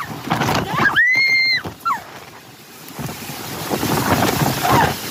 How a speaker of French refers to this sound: En quelques secondes, ces personnes se retrouvent piégées par de violentes rafales de vent.